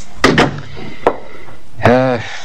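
A door bumps and closes with a few sharp wooden thuds, followed moments later by a brief voiced sound from someone.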